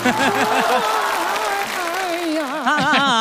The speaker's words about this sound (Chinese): 家人， 就这地儿，鼓掌吧。